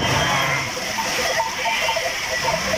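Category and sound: animal, sheep bleating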